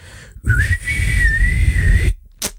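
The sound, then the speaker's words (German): A single sustained whistled tone from an answering machine, held steady for about a second and a half like a beep, loud over a low rumbling background, ending abruptly followed by a short breathy burst. “Aber Sie können mir gerne eine kurze Nachricht diktieren nach dem Pfeifton.”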